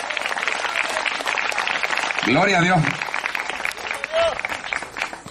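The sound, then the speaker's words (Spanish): An audience claps loudly and steadily for the Lord, a dense wash of applause throughout, while a man's voice briefly calls out over it partway through. “A su nombre, denle fuerte ese aplauso al Señor.”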